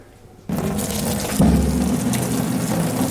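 Pasta water is poured into a colander: after a brief quiet moment, a loud, steady rushing splash begins abruptly, swells into a heavier gush partway through, and keeps pouring to the end.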